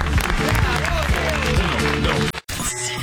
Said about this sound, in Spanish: El aplauso para el señor.